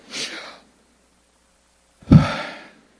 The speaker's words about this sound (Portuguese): É a respiração. O nome de Deus é uma imagem da respiração. O hausto divino. O inspirar e o expirar de Deus.